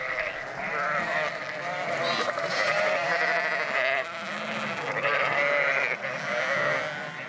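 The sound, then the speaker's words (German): Many sheep, already gathered in a nearby barn before being driven in groups of 60 to 80 onto a dike, bleat together in a dense, overlapping chorus, with high wavering cries rising and falling continuously and loudly throughout, no voices heard. “Die Schafe sind schon in der nahegelegenen Scheune.”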